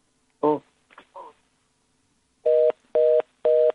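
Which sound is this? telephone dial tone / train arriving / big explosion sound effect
telephone dial tone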